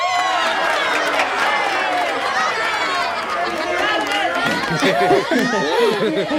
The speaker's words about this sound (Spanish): ¡Esa es una ovación! ¿Quieres escuchar una mejor?